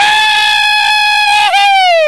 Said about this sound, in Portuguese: Ele foi gritar, rapaz.